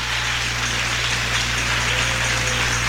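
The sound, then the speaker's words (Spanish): A crowd claps continuously for the full three seconds, applauding the Lord in a religious service, a dense, even wash of many hands with no distinct individual claps, over a faint low hum and no voices. “Aplauda y diga gloria a Dios.”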